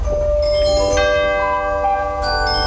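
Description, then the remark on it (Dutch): The seven o'clock radio chime plays a short run of bright, sustained bell-like tones, with new notes struck around each second, ringing clearly over a low background hum. “Het was voor ons was het eigenlijk het klokje van 7 uur en dus naar bed.”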